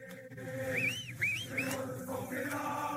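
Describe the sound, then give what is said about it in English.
Three quick, warbling whistle blasts from a referee mark the final whistle of a UEFA Champions League football match between Paris Saint Germain and Arsenal, cutting through a constant roar of stadium crowd noise. “And there is a final whistle”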